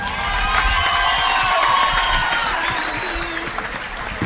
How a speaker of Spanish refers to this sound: Um aplauso mais lindo para aí.